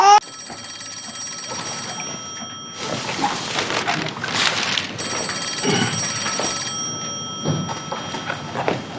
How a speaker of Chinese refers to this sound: 哎，接电话。 你咋不接？ 肯定是你嫂子，我不接。